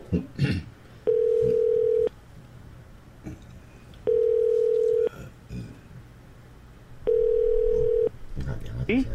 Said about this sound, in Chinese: 啊，咱即马呢敲电话来跟张老师呢啊来做一个连线就对吼。